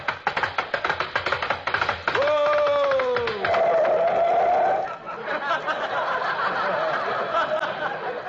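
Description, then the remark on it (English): Quick, steady clip-clop hoofbeats of a mounted policeman's horse patter for about two seconds, then give way to a sliding, whinny-like tone and a rough, noisy rush to the end. “That horse must have had on rubber shoes.”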